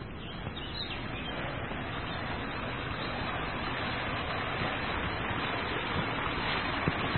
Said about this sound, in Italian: e avanziamo tra i rovi. Ed ecco la cascatella.